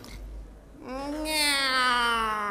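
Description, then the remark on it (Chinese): A human voice imitates a cat with one long, drawn-out meow that swells and slowly falls in pitch, loud, following a moment of quiet. “喵。 哦，这还是个懒猫。”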